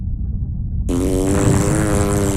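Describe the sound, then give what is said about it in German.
A low rumble gives way to a loud, buzzing, harmonic comic fart that swells and sustains for over a second, exaggerated, with no voices. “Der Pupsonautenpups blähte den Leib der Anaconda auf und drohte sie zum Platzen zu bringen.”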